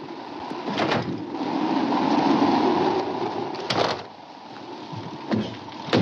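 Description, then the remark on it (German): A howling sandstorm wind whips up red sand and whistles around a saloon among bare rocks, roaring steadily with blowing grit, punctuated by a few sharp gusts or rattling bursts; loud and continuous, with no voices. “Der Sturm peitscht den roten Sand auf, verdunkelt den Himmel, pfeift um einen Saloon, der zwischen den Felsen auftaucht.”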